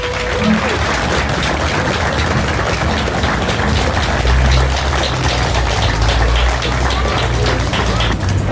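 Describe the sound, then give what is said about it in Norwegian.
An audience in Gaupne applauds steadily as the company-of-the-year prize goes to Gaupne Bilcenter AS, a dense, even wash of many hands clapping that stays loud and sustained for several seconds without pause. “Applaus.”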